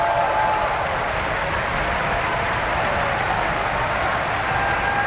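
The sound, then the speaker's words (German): Sustained, dense applause from a large opera audience for the Finnish bass Mika Kares at a performance of Götterdämmerung in Bayreuth, steady and loud throughout, with countless hands clapping into an even roar and no voices standing out. “Viel Applaus jetzt für den finnischen Bass Mika Kares.”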